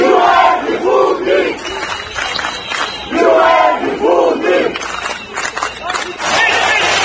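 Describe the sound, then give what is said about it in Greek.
A large crowd of students protesting at the Ministry of Education, on the second day of protests over university conditions, study costs and lack of support, shouts and chants in rhythmic, swelling bursts, loud and continuous, with a roar of many voices filling the gaps between chants. “Διαμαρτύρονται δεύτερη μέρα για τις συνθήκες στα πανεπιστήμια, το κόστος σπουδών και την έλλειψη οικονομικής στήριξης και επαγγελματικών προοπτικών.”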